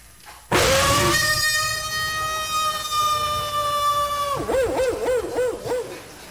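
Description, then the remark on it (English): A voice imitates a big Alaskan baying wolf's howl into a microphone on a cold night: one long, steady, loud wail holding its pitch for about four seconds, then breaking into a rapid wavering, yodel-like warble before trailing off. “I gave him the sound of a big Alaskan baying wolf.”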